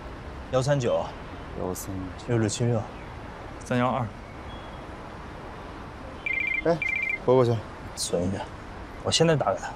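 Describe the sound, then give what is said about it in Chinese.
A mobile phone gives a short electronic ringing trill as a number is dialled to it to be saved, two quick bursts lasting about a second, heard between stretches of conversation over a steady background hum. “存一下，我现在打给他，跟你约一下。”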